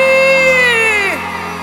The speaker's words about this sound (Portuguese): Cadê o gritão da galera aí?